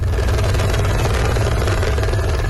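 A rescue helicopter hovers over flood-washed areas in Nepal's northern Rasuwa district after an avalanche of ice and rock triggered flash flooding, its loud, steady rotor thumping and engine roar filling the whole stretch without a break and no voices over it.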